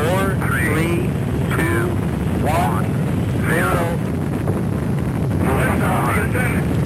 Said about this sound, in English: Also in 1981, the world witnessed the first launch of the Space Shuttle Columbia. We hear our main engine start.